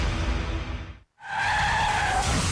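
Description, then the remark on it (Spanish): Loud car tires screech and skid across pavement in a traffic accident, a sustained squeal that cuts off abruptly, followed by a brief silence and then another long, shrill skid. No voices are heard. “Un accidente de tránsito puede cambiar tu vida en segundos.”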